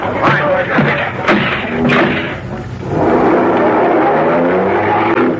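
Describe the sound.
A car roars as it sideswipes a patrol car during a police chase, several hard metallic thumps and scraping crashes hitting in quick succession, followed by a steady engine rumble and road noise, with voices mixed underneath.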